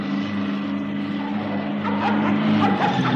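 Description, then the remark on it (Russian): A dog barks several times in the latter half, its yaps rising over the steady low rumble of a running engine. “Держи свою собаку! Держи, а то укусит!”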